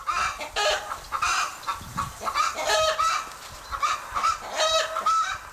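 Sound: hen clucking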